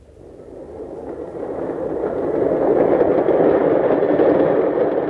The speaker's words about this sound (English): Better get out onto the platform. The train will be coming soon.